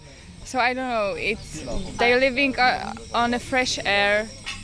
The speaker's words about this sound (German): Ich lausche auf dem Balkon meiner Lodge den Zikaden und lasse den Tag gemütlich ausklingen.